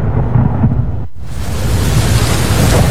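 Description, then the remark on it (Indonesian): Heavy rain pours steadily in the rainy season while deep thunder rumbles loudly, the low roar swelling across the whole stretch with a brief lull before the downpour surges back. “Pak, ini loh sudah musim hujan.”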